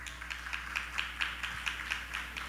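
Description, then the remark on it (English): A crowd applauds Mr. Raj Jadu, many hands clapping together in a dense, steady patter with faint rhythmic pulses, fairly soft overall and with no voices over it. “So let's give Mr. Raj Jadu a round of applause.”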